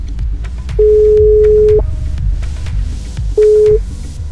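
A telephone ringback tone from an outgoing call placed by a Rádió Gaga radio host to a listener for a true-or-false game: a steady, fairly loud electronic beep lasting about a second, then a pause, then a second shorter beep, over low background noise.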